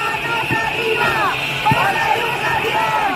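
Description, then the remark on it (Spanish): Hundreds of protesting teachers with placards, whistles and megaphones shout together on Calle de Alcalá in Madrid, between Cibeles and Puerta del Sol by the Education Council, demanding improvements in public education: a steady, dense roar of overlapping voices rising and falling in wavering pitches with no single speaker standing out. “Cientos de profesores con pancartas, silbatos, megáfonos, reclamando mejoras en la educación pública.”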